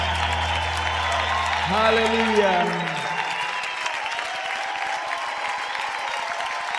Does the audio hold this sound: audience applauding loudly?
yes